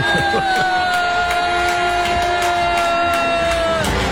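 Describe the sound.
A large crowd at the closing of the Calgary Stampede boos loudly and steadily as Canadian Prime Minister Mark Carney is introduced. The boos form a dense roar of voices with a long high whistle-like tone running through it, holding at full volume throughout.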